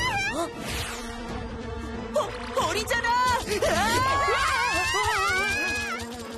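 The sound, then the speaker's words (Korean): A bee buzzes steadily through the whole stretch, its drone sitting under lively voices and bright, swooping tones that rise and fall around it. “벌이 아니었으면 절대 못 찾았을 거야.”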